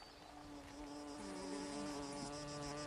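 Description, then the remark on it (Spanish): A dense chorus of humming flies gathered in lake wetlands, both females and males singing, many overlapping drones with steady harmonic tones and a faint high buzz, continuous throughout with no speech. “Las moscas se reúnen en los humedales del lago para entonar un largo canto.”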